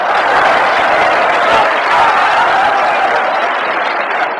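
A crowd applauds steadily for several seconds, showing great hopes for a performer, the dense clapping holding at an even, loud level throughout, with a scatter of chuckles mixed into the noise.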